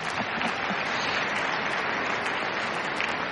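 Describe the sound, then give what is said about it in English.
Steady audience applause, dense and continuous clapping at an even loudness throughout, with no voices over it. “please applaud him also, please.”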